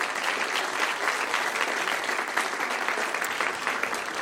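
Sustained applause from an audience, a dense, steady wash of many hands clapping at an even loudness for several seconds, with no speech over it.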